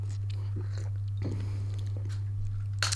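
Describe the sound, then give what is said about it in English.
Quiet mouth noises of someone sipping a freshly brewed cup of coffee, with a short slurp near the end, all over a steady low electrical hum and no talking. “Okay, I've got a cup of coffee now. People, the energy of the show is about to lift tenfold. Let's have a sip.”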